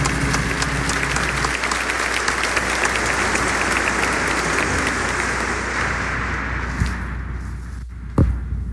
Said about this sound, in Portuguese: Palavra do Senhor. Graças a Deus. E uma salva de palmas à palavra do Senhor.